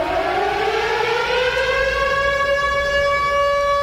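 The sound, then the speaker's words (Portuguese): A loud, sustained siren wails, its tone rising slowly and steadily with rich harmonics, played on the Alternativa FM radio show Bom Dia Alternativa, heard alone without any talking. “Quando toca essa sirene, você já sabe o que vai acontecer.”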